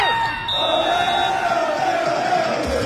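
A large crowd of football fans marching to Toronto Stadium ahead of kickoff of the first FIFA World Cup match in Toronto chants and shouts together, a loud, continuous wall of voices with rising and falling sung tones and cheering throughout.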